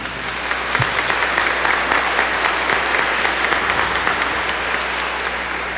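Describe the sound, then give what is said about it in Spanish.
An audience at a Spanish-language church service applauds for the Virgin Mary after a prayer, a dense wash of many hands clapping at once that holds at an even level throughout, with sustained applause and no voices over it. “Un aplauso para nuestra Madre.”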